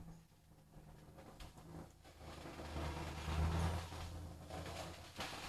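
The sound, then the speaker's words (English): Steady traffic on a road outside rumbles through an open window, swelling into a deeper, louder drone midway as a heavier vehicle passes, then settling back into a constant wash of engine and tire noise. “Now, are you guys hearing the traffic on the road behind me?”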